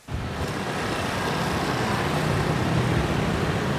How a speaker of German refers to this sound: 8.30 Uhr morgens, Rush Hour in Brüssel. Tausende strömen aus der U-Bahn in die Gebäude der EU, der Kommission, des Rats.